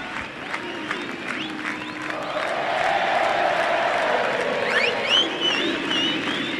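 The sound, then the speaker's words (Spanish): A large concert crowd chants and cheers before the band comes on stage, in a steady, dense roar that swells midway, with scattered whistles and high whoops rising above the collective singing. “Y ya se escuchan los coros, escuchá.”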